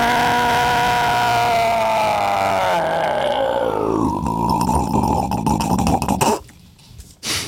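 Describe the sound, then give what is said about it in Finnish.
A Terhi outboard motor drones loudly with a buzzing, harmonic tone. Its pitch slides down over a few seconds, settles into a steady hum, then cuts out abruptly just before the end. “Tuo oli se Terhi.”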